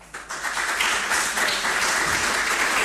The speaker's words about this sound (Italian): Io qui, prima di concludere i nostri lavori, il nostro tavolo di oggi, ho l'onore di invitare qui sul podio l'onorevole Luciano Nobili, Presidente Commissione Speciale PNRR e Grandi Eventi del Consiglio Regionale del Lazio, con un grande applauso.